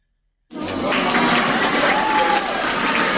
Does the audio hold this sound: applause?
yes